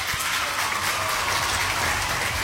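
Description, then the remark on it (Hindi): A steady burst of crowd applause played as a sound effect on Radio Olive 106.3 FM for listeners who gave the right answer, a dense crackling wash of many hands clapping at an even level for a couple of seconds, with no voices over it. “तो आप सभी ने सही जवाब दिया है इसलिए आपके लिए यहाँ बजेंगी तालियां।”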